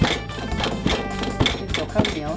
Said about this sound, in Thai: ทำให้เนื้อไก่แก่เนี่ยที่มันกินแล้วเหนียวเนี่ยก็จะมีความน่ารับประทานนะครับเนื้อนุ่มขึ้นเพราะต้มนานแล้วก็สองเวลาที่ตำแบบนี้เนื้อมันจะฟูสวยครับว่าตำแล้วเมื่อยแขน